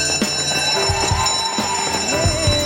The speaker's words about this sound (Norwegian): Der ringer klokkene inn til søndagsskolen